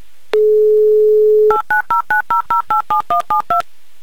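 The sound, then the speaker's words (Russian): A steady low dial tone hums for about a second, then eleven quick, evenly spaced touch-tone beeps of varying pitch as a listener's phone number in Yekaterinburg is dialed. No voices. “Андрей, я в это верю и набираю ваш номер.”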